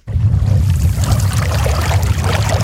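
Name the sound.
river current flowing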